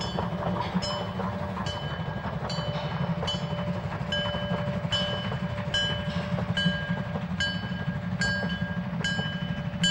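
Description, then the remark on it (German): A narrow-gauge steam train of the Fichtelberg railway, run by the Sächsische Dampfeisenbahngesellschaft (SDG), runs steadily, its wheels clicking over rail joints in a regular rhythm above a constant low rumble, with a thin high-pitched whine held throughout and no voices. “Und heute ist deren Tochtergesellschaft SDG, die Sächsische Dampfeisenbahngesellschaft, verantwortlich.”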